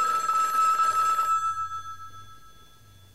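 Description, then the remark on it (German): A telephone in an official's office, Room 104, rings with a bright, sustained electric trill for over a second, then its tone lingers and fades while a low hum continues, and a brief burst starts again at the end. “Also dumm zum Telefonieren. Ja, Zimmer 104 vom Amtmann Blederle.”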